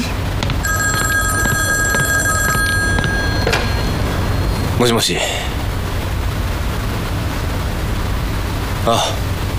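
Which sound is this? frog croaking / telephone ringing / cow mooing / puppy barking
telephone ringing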